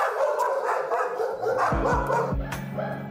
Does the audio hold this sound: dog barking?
yes